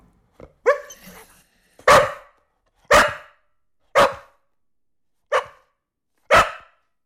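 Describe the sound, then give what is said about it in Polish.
A dog barks alone, loud, letting out about six sharp barks spaced roughly a second apart, the first one drawn out into a rougher, whining yelp. “Co państwo piszą w sprawie pieska?”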